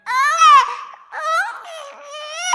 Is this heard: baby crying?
yes